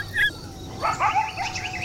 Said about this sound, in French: On dirait des aboiements, mais plus aigus et perçants que ceux du chien. C'est un véritable concert, dites-donc. Les hurlements des loups sont plus longs, plus graves et plus langoureux. Mais oui, c'est le coyote.